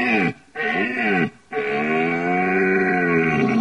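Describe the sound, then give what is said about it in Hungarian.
A red deer stag bellows in rut: three loud, deep, throaty roars, two short bursts followed by a long sustained groan with rich harmonics and a slightly wavering pitch. “A bőgőbikának a hangja az különböző orgánumú.”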